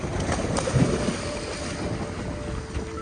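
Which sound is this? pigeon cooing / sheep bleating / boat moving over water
boat moving over water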